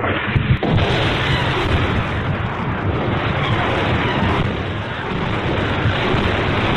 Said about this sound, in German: Nachts hörten wir oft die Explosionen von Grad-Raketen.